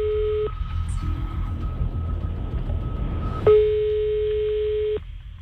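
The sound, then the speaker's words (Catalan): Telephone tones as a call is dialed to a sushi restaurant: a brief steady electronic beep, a stretch of low background rumble, then a louder sustained tone lasting over a second, with no talking. “Vinga, Vinga, doncs vinga, va, anem a marcar el telèfon.”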